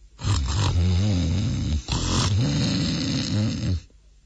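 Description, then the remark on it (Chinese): A storyteller imitates the loud, rumbling snoring of someone asleep in the woods in the middle of the night, two long, harsh breaths separated by a short pause, forceful, with no talking around it. “找着找着，忽然间就听见前面树林子里头有人打呼噜。”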